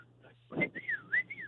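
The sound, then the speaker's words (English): A person whistles a short rising-and-falling call, two swooping notes in quick succession like summoning a dog, moderately loud, with a soft breathy onset and a low hum underneath. “he does this stupid little whistle in the middle of the store and expects me to answer him”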